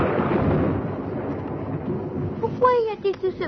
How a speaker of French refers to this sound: Eh bien, l'éclair dit quelque chose au tonnerre et le tonnerre lui répond. L'éclair doit sûrement être fâché. Oh, pas vraiment. Alors pourquoi le tonnerre fait-il sa grosse voix?